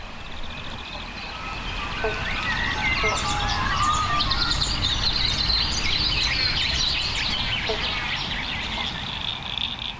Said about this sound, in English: Can hear the frogs. There's several species calling right now. Banjo frogs or bobble bonks. I used to think it was one frog going bobble bonk, but the males, they'll start off with a bonk, and all the other males try and get as close to that first